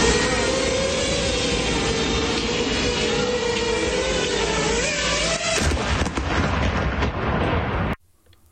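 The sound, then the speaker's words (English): A loud, steady buzzing whine from a Russian military drone fills the air, its pitch wavering as it chases a vegetable vendor around his open van in Kherson, Ukraine. A sudden sharp blast breaks in as the drone explodes, and rough crackling noise continues before cutting off abruptly. “In Kherson, Ukraine, police have issued video of a Russian military drone that ended up chasing a Ukrainian vegetable vendor around his open van before exploding.”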